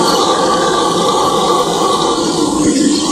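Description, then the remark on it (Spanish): A howler monkey's call mixed with added drums: a loud, dense, unbroken roaring wash that holds steady for about three seconds, with no one talking over it. “Vale, pues tiene un poco de trampa, ¿vale? Es un mono aullador. Le he metido una. Una batería.”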